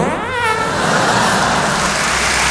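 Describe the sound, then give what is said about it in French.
A car engine revs hard, its pitch climbing quickly at first before settling into a loud, sustained roar with a rough, noisy edge. “Ah, tu l'as poussé ta bagnole de merde, là.”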